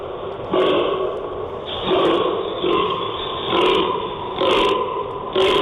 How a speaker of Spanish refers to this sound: ¿Qué sonido es este? ¿De quién hace este sonido? Vamos. Es la ronca del gamo.